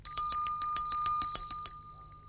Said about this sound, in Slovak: Aha, tu je. Nevie síce hľadať, ale vie privolávať. Zvonček. Bábika, prosím ťa, pomohol by som ti hore na poličku. Nože sa načiahni tamto za zvončekom, nech privolá pána vedúceho.